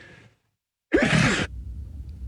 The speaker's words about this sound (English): I'm just holding off a sneeze here